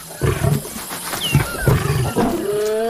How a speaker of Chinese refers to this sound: 安斯听到了宣战的狮吼声，他引发了一场冲突，这场冲突可能会给他原本的狮群带来严重的后果。